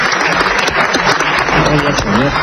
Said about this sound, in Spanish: empiezan a aplaudirle, suelta lo siguiente.